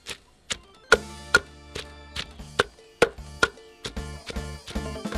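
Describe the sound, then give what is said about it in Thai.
A series of sharp, thudding knocks, about a dozen of them, as a pestle pounds herbs in a mortar at an irregular but steady pace, with no voices. “จากนั้นจึงมาเตรียมโคลกปนนำพาสมุนไพรลงโคลกโคลกไปให้แหลก”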